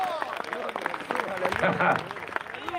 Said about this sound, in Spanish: Denle un fuerte aplauso al Cristo de la gloria.